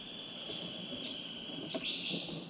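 Brief, faint calls of blue paradise flycatchers, a bird endemic to Palawan, sound over a steady, high buzzing insect chorus, with a couple of short chirps answering each other toward the end, as several birds respond to recorded songs played to lure them.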